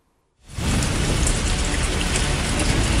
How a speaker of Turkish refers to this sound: Bayramın ilk günü bahar değil tam bir yaz günü gibi geçti ancak bayramın ikinci günüyle birlikte kuvvetli sağanak geri döndü. Türkiye haftayı serin ve yağışlı kapatacak.